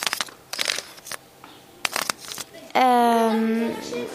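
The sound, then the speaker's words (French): Dry leaves in a courtyard crackle and crunch in several short bursts, as if being crumpled by hand, followed by a sustained voiced sound, like a child's vocalizing, near the end. “Des feuilles,”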